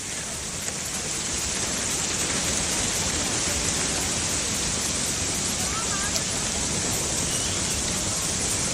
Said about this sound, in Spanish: Bueno, pues lo que se puede ver en las calles también de los granizos debe llevar mucho, mucho tiempo también granizando para que las calles estén de esa manera.